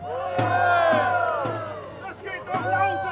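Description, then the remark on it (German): A crowd cheers and shouts together outdoors at a historical town parade in Stralsund, Germany, with the town watch at the front, many voices rising and falling in a loud, continuous roar, with a few sharp thumps and a low steady hum underneath. “Das Volk jubelt!”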